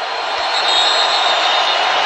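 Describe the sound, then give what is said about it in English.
A stadium crowd at a Cardinals versus Chargers American football game roars loudly, a dense, steady wash of hissing noise that holds at full strength for about two seconds with no voices standing out. “Crowd gets loud.”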